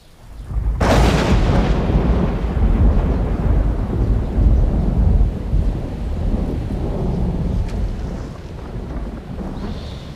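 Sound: thunder rumbling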